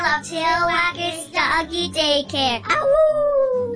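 A dog barks and yowls in a rapid, uneven run of loud vocalizations, finishing with a longer drawn-out whining howl.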